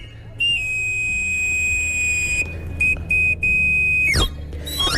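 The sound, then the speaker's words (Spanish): A shrill, steady whistle tone held for a couple of seconds, then broken into short bursts before sliding sharply downward, over a low background rumble. A knife grinder's whistle call, as heard in the Madrid de los Austrias area of Madrid, Spain. “Por el Madrid de los Austrias se escuchaba hasta hace poco este reclamo.”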